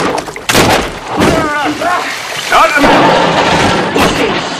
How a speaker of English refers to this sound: The cabin convulses, jostling open a closet door and knocking items off the walls.